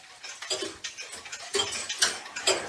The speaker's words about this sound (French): Donc le tic-tac est très fort.